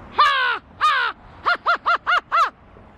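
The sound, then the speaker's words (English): A bird caller imitates an American crow's caw for the Atlanta Hawks' NBA schedule reveal: two long, drawn-out harsh caws followed by a quick run of five shorter caws, loud with no other sounds. “American crow.”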